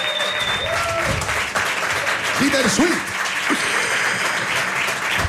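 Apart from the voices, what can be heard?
audience applause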